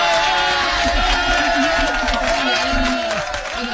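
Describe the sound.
A loud, steady applause-and-cheering sound effect on a Spanish-language morning broadcast fills the whole few seconds, with dense clapping noise and bursts of voices that ease off slightly toward the end.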